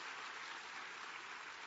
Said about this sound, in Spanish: Ah, aplauda al Señor, que Él es merecedor de toda la gloria.